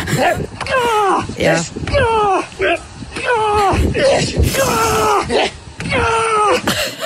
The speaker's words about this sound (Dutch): Ja, hier hangt hij horizontaal aan een paal, terwijl dat er dus iemand met zo'n grote, zware tractorband op zijn buik beukt.